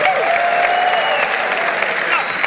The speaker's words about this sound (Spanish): Dale un aplauso al Señor fuerte. Fuerte, vamos, fuerte. Da un grito de júbilo.